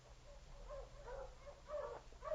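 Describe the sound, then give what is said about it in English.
Sergeant Preston's team of sled dogs, brought by his Eskimo guide Kuik, barks and yelps in a quick run of overlapping bursts, fairly soft, with a low rumble underneath and no one talking. “For 2 more days, we stayed in the igloo, and then we heard the welcome sound of my dog team.”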